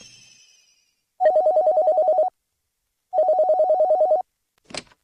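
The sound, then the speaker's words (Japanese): A telephone rings twice, each ring a rapid electronic trill lasting about a second, clear, followed by a brief click like the receiver being picked up; the call is answered at the Yokote Chamber of Commerce and Industry. “お電話ありがとうございます。横手商工会議所です。”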